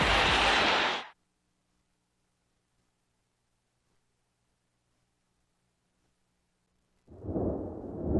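A loud thunderclap crashes at the start and cuts off, followed by about six seconds of near silence, then a deeper rumble of thunder rolls in at the end.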